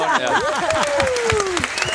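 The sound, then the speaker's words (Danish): An audience at Monopol claps steadily in a dense, continuous patter, with rising and falling voices whooping and calling out over the applause throughout. “Hver gang folk det klapper af mig, så bliver jeg ved.”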